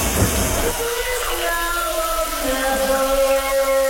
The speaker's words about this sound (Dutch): Hoort het al, de douche is aangegaan. En aan jou om te raden wat er wordt gezongen onder de douche.